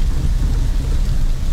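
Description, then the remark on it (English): Heavy rain pours down in a steady, dense roar as daylight fades, making the roads more dangerous, with a deep low rumble underneath, loud and continuous with no voices. “but daylight is fading and the rain is making the roads more dangerous by the minute.”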